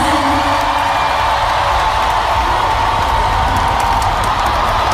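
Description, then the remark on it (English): A loud concert crowd cheers continuously, a dense wash of screams, whoops and applause with no break, sustained and roaring for the full few seconds. The crowd is at a London tour show. “The crowd, they went bonkers.”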